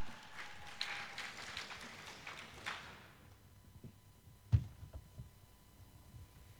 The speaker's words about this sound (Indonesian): Mari sekali lagi kita berikan tepuk tangan untuk regu A.